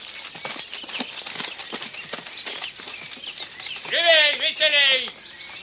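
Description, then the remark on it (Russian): Quick, uneven footfalls of several soldiers running over soft forest ground, followed near the end by a short burst of strained vocal sounds over the steps. “Бегут по лесу.”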